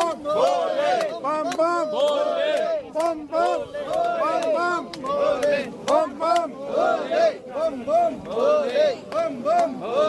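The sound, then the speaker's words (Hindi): A large crowd of Amarnath pilgrims, held up at the Domel first checkpoint on the way to Baba Amarnath, clamours with many overlapping voices shouting and chanting in a dense, continuous babble that rises and falls for the whole stretch. “ये डोमेल जो checking point है, फर्स्ट चेक पॉइंट जो है, जहां से ऊपर बाबा अमरनाथ के दर्शन करने के लिए आगे की तरफ भेजा जाता है, तो इस जगह पर काफी भीड़ इस वक्त मौजूद है और यही वजह है कि लोग जो हैं यहां पर अभी रुके हुए हैं।”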